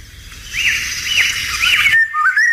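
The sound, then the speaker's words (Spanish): A Eurasian golden oriole sings clear, fluting whistled phrases, rising and falling in a few loud bursts, at dawn in riverside woodland in the countryside, over a steady low rush of river water in the background. “Esto escuchado en un amanecer, porque es cuando canta, un amanecer en el campo, si estamos cerca de un río, porque es un pájaro de soto, fíjate qué bonito, de bosque de ribera, fresnedas, saucedas, alamedas, choperas, ahí vive la oropéndola.”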